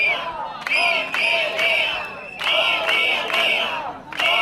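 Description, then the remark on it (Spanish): A street protest crowd of striking teachers, with a microphone in hand, outside the door of the consellería on Avenida de Campanar, chanting loudly in unison: rhythmic bursts of shouted slogans rising and falling, a sustained roar of many voices with brief pauses between chants. “Es el sonido de la protesta que está teniendo lugar allí en la puerta de la consellería.”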